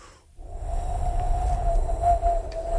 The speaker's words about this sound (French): T'entends le son du vent, là? 20 km les vents, ben voilà, c'est ça que ça donne.